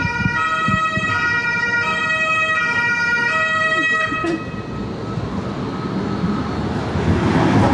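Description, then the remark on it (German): A loud car passes by, a steady, multi-toned siren-like blare lasting about four seconds before giving way to broad road noise and rushing traffic. “Und dann, ich warte mal ganz kurz das Auto ab.”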